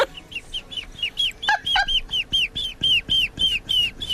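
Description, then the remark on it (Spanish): A person imitates a baby chick, giving a quick, steady run of high, thin peeps, about a dozen in a row, loud with no talking. “¿A que no hay concursos de sonidos de pollitos?”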